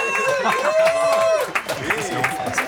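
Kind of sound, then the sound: crowd, applause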